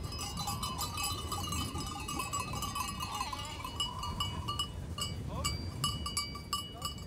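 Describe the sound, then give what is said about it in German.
Many goat bells clank and tinkle continuously as a goat herd arrives for the Auftrieb, the drive up to summer pasture, with occasional bleats mixed into the steady, busy jangle. “ist inzwischen mit seiner Ziegenherde eingetroffen.”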